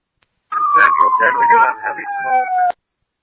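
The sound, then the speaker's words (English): An emergency vehicle's siren wail slowly falls in pitch, loud and continuous for about two seconds, with garbled radio dispatch speech underneath that it largely drowns out, then cuts off abruptly. “You're covered by your siren?”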